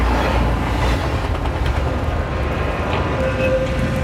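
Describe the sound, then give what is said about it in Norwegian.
A passenger train carrying a group of young travellers through Central Europe toward Belgrade rumbles along the rails with a steady, loud low-frequency roar and faint clattering, a brief tonal whine rising near the end. No one speaks. “Etter flere timer i Sentraleuropa kom de til siste holdeplass for togturen og nest siste stopp for reisen.”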